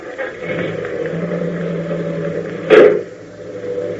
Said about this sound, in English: I thought I heard the car leave.